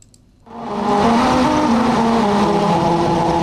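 After a brief quiet start, car tires roll onto a musical road and a loud, steady humming tone begins, shifting pitch in steps like a simple melody over constant road rumble.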